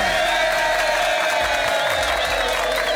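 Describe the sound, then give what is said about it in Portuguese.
A crowd applauds and cheers steadily for the radio station Rede Boa de Comunicação in Bahia, a dense, loud wash of clapping with voices raised in excitement beneath it. “Não é à toa que a rádio que mais cresce na Bahia merece palmas aí.”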